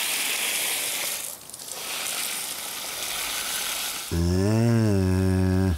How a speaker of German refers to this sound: Lust auf eine Dusche oder eher wasserscheu heute Morgen?